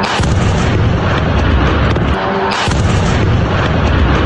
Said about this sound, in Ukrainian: Серія вибухів в Ростові. Після удару в мережі з'являються численні кадри пожежі.